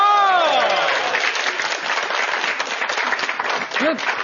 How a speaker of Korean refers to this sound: 근데 결혼 안 한 여자보다 결혼을 하신 여성분들. 이렇게 40대, 50대, 60대. 이런 분들한테 강의하는 게 되게 친근하고 좋은 것 같아요. 해당되시는 분들 박수 한번 주세요.